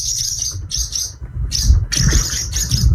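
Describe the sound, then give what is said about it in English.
Swallow song: bright, high twittering chirps in repeated bursts, fairly loud, over a low rumbling background, with no voices. “Hard to get a sound effect of a swallow, but we got that one.”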